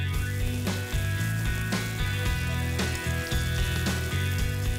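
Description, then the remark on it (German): Steady, loud sizzling of an unseasoned steak searing in a well-heated pan for about a minute per side until lightly browned, a continuous crackling hiss with brief sharp pops recurring about once a second, with no talking. “Das Steak in eine gut erhitzte Pfanne geben, vorher nicht würzen. Etwa eine Minute pro Seite anbraten, bis es leicht braun ist und sich von selbst von der Pfanne löst.”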